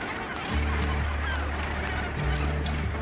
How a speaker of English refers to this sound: The passing trawlers frequently draw the attention of the gannets. All in search of an easy meal.